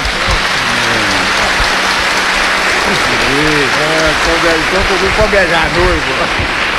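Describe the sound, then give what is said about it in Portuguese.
A steady round of applause from a crowd at a wedding, dense and continuous for several seconds, with scattered voices and cheers rising over it. “E pode dar um beijo respeitoso, um abraço, uma salva de palmas.”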